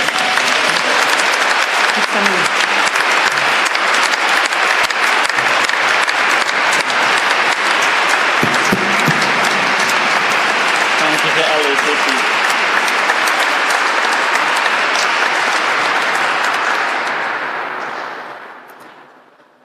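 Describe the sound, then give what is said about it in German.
Loud, sustained applause from a large audience for the auxiliary bishop of the archdiocese, a dense wash of clapping that holds steady for about seventeen seconds before tapering off, with faint voices mixed in. “Danke und einen kräftigen Applaus für unseren Weihbischof.”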